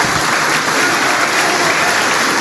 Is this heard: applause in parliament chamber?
yes